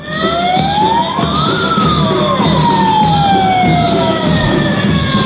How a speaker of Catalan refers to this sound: Això que sentiu és la concentració que s'ha fet avui matí a la plaça de Cort. Els socorristes de Palma s'han manifestat davant l'Ajuntament per advertir que si les condicions de les costes no canvien, com escoltar fa uns minuts, es farà una vaga